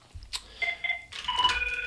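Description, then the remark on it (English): A telephone rings with short electronic warbling tones, two brief bursts followed by a longer, steadier ring, clear, with no one speaking. “Let's hang on with the phone.”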